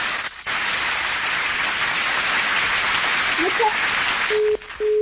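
Dense, steady audience applause, called for by the host of Padres contra Hijos for a girl joining her school's flag escort, runs for about four seconds, then cuts off abruptly and gives way to two short, steady electronic beeps.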